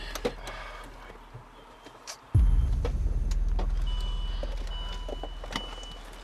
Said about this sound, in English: Your mom just parked her car.